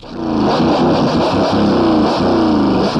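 Two motorcycles roar past side by side, a loud, continuous engine drone with revving that holds steady for about three seconds, with no voices.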